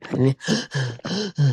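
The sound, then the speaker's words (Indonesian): A voice imitates high-pitched, wheezy panting as a symptom of heat in the lungs: five quick strained breaths in a steady rhythm, fairly loud, with no words spoken. “Terengah-engah tapi suaranya tinggi.”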